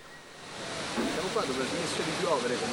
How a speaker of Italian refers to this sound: intanto mi sono tolta il cappuccio ma sta continuando a piovere, però piovigina